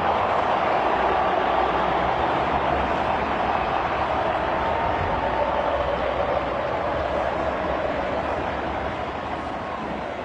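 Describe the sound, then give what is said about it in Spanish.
A stadium crowd at an Argentina versus Jordan football match applauding and cheering Messi in a dense, roaring ovation that holds steady and loud for about ten seconds, easing slightly near the end, with no voices speaking over it. “Todo lo que aparece, Messi, se transforma en aplauso, en ovación.”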